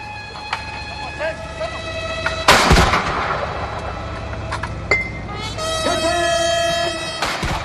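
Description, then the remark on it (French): A 21-gun cannon salute fired to welcome Chinese President Xi Jinping at the Al-Uti Adiyan palace: two heavy booming blasts several seconds apart, each ringing out over steady sustained tones from a military band playing a welcome piece and a low background murmur of voices. “Ils ont été accueillis par une garde d'honneur et une garde d'honneur à cheval, tandis qu'une fanfare militaire jouait un morceau de bienvenue et qu'une salve de 21 coups de canon était tirée.”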